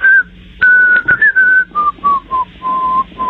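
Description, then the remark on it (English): A caller from the northern suburbs of Chicago whistles the introduction of a song he would like to hear: a short melodic phrase, a clear tune of sustained and gliding notes that gradually step downward, fairly loud with brief pauses between phrases and no talking. “The song I would like to hear, I will whistle the introduction for you, and hopefully in the correct key.”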